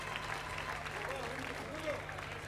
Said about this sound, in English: Applaudissez fort pour lui.